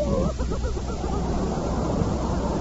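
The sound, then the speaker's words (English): Someone whimpers and sobs in short, wavering cries that fade after the first moment, over a steady muffled rumble of background noise. “Well, what are you crying about?”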